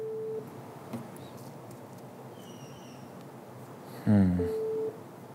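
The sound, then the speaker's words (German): Telephone call tones, a busy signal while phoning companies one after another: a short steady beep at the start, then a louder burst and another steady beep near the end, with faint line hiss in between. “Ich telefoniere mich durch.”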